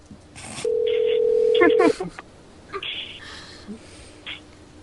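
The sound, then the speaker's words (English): A steady telephone dial tone hums for about a second, followed by a quick burst of touch-tone dialing beeps and a few brief electronic tones, with faint background voices. “I want to call up the mushrooms guy.”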